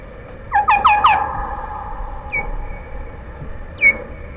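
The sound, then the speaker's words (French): Bats let out a quick burst of four shrill, harmonic squeaking cries as one bat rejects an intruding bat, followed by two more isolated chirps after pauses, all over a steady low background rumble. “Alors, dans ces conditions, il y a des réactions qui peuvent être bruyantes, c'est-à-dire qu'une des chauves-souris n'accepte pas l'intruse et on a des cris.”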